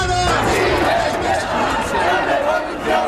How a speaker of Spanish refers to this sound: sonaban los gritos de la manifestación de ese 15 de mayo.